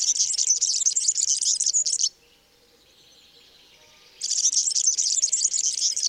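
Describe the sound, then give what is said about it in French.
A high, rapid, jangling bird song of squeaky, grating twitters, sung in two loud bursts of about two seconds each with a brief pause between them. A European serin, with no voices present. “Donc lui, il a un chant très grinçant qu'on entend ici.”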